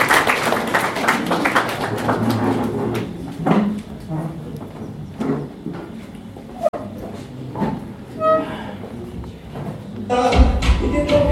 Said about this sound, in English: Please maybe clap for her, she comes to do this.